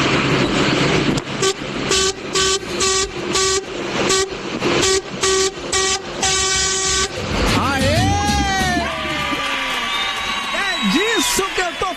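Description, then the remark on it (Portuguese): A loud semi-trailer truck horn, on a truck loaded with toilet paper, blasts in a rapid, rhythmic series of honks, then gives way to wavering, sliding horn tones over steady road rumble. “Meu filho, o povo tá buzinando com vontade, hein?”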